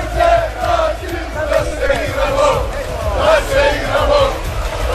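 A large crowd of football fans cheers and chants together outside a stadium after their team's penalty-shootout win over Brazil, voices rising and falling in rhythmic waves with steady low rumble beneath, loud and continuous throughout.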